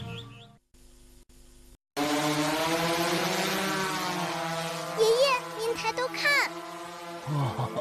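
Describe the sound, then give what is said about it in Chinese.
A drone planting trees over land that was once all yellow sand: its steady, rich buzzing hum rises abruptly and holds at an even loudness, with a few brief high chirps flickering over it toward the end. “无人机在栽树呢。”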